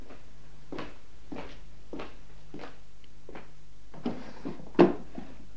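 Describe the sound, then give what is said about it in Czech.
A desk drawer is pulled open with a series of soft knocks and wooden scrapes, ending in a louder clunk near the end. The sounds are quiet, with no talking. “Mohu otevřít zásuvku v psacím stole?”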